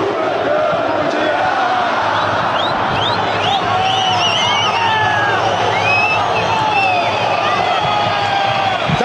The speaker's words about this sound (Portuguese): 10 minutos nos separam do início da partida aqui na Arena Tricolor, no Parque Humaitá. Boa presença do torcedor que canta neste momento. Ouçamos!